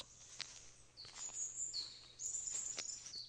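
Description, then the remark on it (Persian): A capercaillie, a large ground-nesting bird, calls in a forest: a few sharp clicks followed by high, scratchy whistling phrases that rise and hold, repeating across a few seconds in quiet woodland. “کاپاکلی یکی از انواع بزرگ پرندگان است که بر روی زمین لانه می سازد.”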